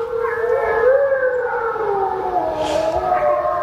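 Several wolves in Latvia howl together in long, overlapping, wavering tones that slowly glide in pitch, a sustained chorus at steady loudness with no one talking.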